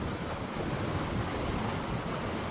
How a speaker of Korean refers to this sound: 크아, 저 설산 눈 녹은 물이 이 협곡 따라서 엄청난 속도로 쏟아져 내려가고 있습니다. 시원한 물소리에 절로 향하는 발걸음.